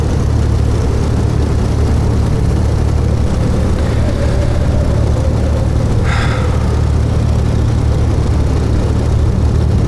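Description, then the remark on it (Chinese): A steady, loud airplane engine drone fills the whole recording with a constant low roar, and a brief higher-pitched tone rings out once partway through. “为什么非要开这个飞机，还要逼我一起？”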